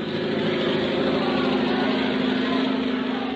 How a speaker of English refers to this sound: Louis Blériot, the French flyer, is crossing the channel in his aeroplane. Oh, I say. Come now, you're pulling my leg. No, not at all. There he is.